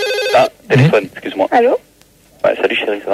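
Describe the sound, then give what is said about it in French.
A telephone gives a short, bright electronic ring at the very start, then stops as a person begins talking over the silence that follows. “Ah, téléphone, excuse-moi.”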